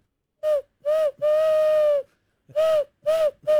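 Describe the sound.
A person imitates pigeon cooing by blowing into cupped hands: hollow, breathy hoots in a rhythm of two short, one long, a pause, then three more short ones, fairly loud.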